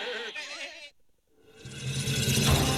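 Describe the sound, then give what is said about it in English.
Goats bleat in two loud, wavering bursts separated by a brief pause, the second longer and fuller, with no one talking. “They called WPTS Radio the petting zoo because all your goats are playing.”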